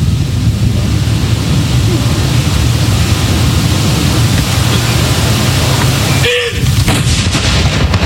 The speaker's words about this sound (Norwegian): Altså 21 skudd i alt som skal avfyres. Og så det da som vanlig ved sørgesalutt, så det 30 sekunders pause mellom hver avføring.